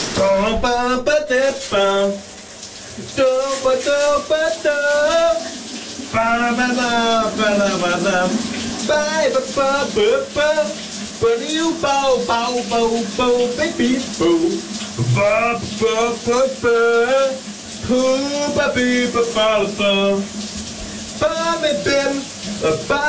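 A man sings a melodic tune under a steady hiss of running shower water, his voice close and echoing slightly, with the water spray continuous throughout.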